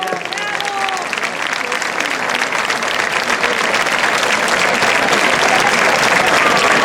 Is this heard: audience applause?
yes